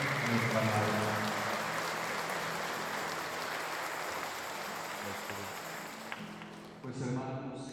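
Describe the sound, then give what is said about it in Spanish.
A crowd applauds at a church Mass in honor of María Auxiliadora, in a steady, dense wash of clapping that holds for several seconds before thinning out, with a voice heard over it at the start and again as it fades. “Le damos un aplauso a María Auxiliadora.”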